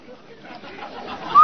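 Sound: whistle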